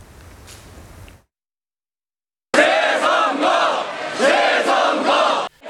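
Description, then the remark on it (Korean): A large crowd of protesters, mostly in their 20s and 30s, surrounds a vote-counting station waving flags and shouts chants demanding a re-election, in loud, rhythmic bursts, many voices rising and falling together after a brief stretch of low murmur and a moment of silence. “대표소를 둘러싸고 타깃기를 흔들며 재선거를 외치는 많은 사람들.”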